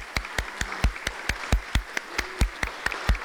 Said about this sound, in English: So everybody give them a round of applause.